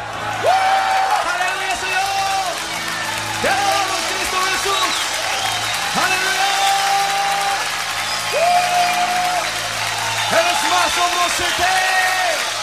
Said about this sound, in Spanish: Levantemos nuestra voz con un grito de júbilo. ¡Aleluya!